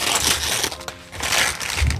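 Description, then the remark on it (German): Loud, rough tearing and crinkling as a package containing an RSH sheep is ripped open, a continuous ragged rip with a brief lull midway, then a final burst of scrunching at the end; no voices. “Ich reiß gerade auf.”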